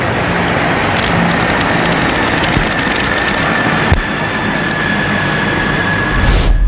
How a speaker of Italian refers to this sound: fumi tricolori anche dagli elicotteri della Marina Militare Italiana che stanno passando in questo momento al termine proprio dell'inno Team Ameli sul luogo della cerimonia.